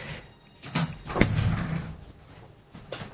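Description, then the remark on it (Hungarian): A sharp, solid bang of a door being slammed by someone who came in agitated and then left, with a few softer knocks and shuffling before and after. “Ajaj, itt valaki nagyon idegesen bejött, majd elment, és csapkodja az ajtót, lehet, hogy olyan csúnyát mondtam.”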